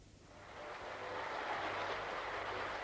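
A Paris concert audience, recorded on a record, applauds before the show, urging it to start: a dense, steady wash of many hands clapping together that swells slightly over a few seconds, with no voices standing out.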